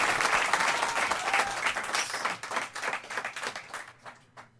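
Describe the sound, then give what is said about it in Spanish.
An audience applauds a guest musician joining a song, dense clapping at first that thins into scattered individual claps and fades out over a few seconds, with no one speaking. “Quiero que por favor le den un aplauso muy fuerte.”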